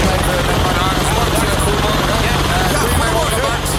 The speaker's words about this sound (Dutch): Ik land zojuist in mijn eigen achtertuin om een programma vanuit huis te doen. Ga je altijd met je helikopter naar je eigen huis?